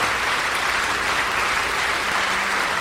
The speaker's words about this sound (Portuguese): Isso, vamos aplaudir mais o Senhor Jesus.